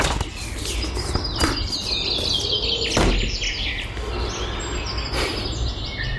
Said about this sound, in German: Keine Ahnung, was das für Vögel sind. Ich glaube, ich lasse das mal mit der Bestimmung.